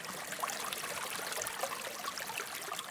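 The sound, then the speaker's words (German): Steady rushing and trickling of a mountain brook, the Ursprungsbach that feeds the Graggerschlucht waterfall, flowing over stones through a cattle pasture area, a continuous bright babbling with no pauses, moderately loud, with no voices. “Der Ursprungsbach, der den Wasserfall der Graggerschlucht speist, fließt durch das Areal, auf dem zurzeit 28 Rinder wiederkäuen.”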